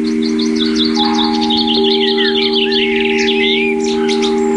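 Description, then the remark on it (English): Small birds chirp and twitter busily while feeding on fresh food at a bird table, recorded by a small microphone set on top of the table. Quick high tweets and trills run throughout over a steady low electrical hum. “So I ran outside, frightened them off, put some more food down, but put my little microphone on top of the bird table and then ran back indoors, set it recording.”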